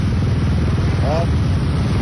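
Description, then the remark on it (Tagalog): A steady, loud rumble of many motorcycle engines from dense traffic on a road with a motorcycle lane in Banilad, Talamban, a continuous low drone with no single vehicle standing out, plus a brief faint tonal blip midway. “Mga motor, gabi, nagkahit na lang. Marami kadaghan.”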